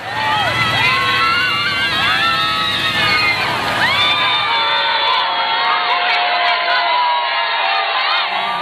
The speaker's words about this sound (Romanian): înainte de revenirea în Barcelona, unde, în drum către Sagrada Familia, Papa a fost întâmpinat cu ovație de mulțimea de oameni dornici să-l vadă.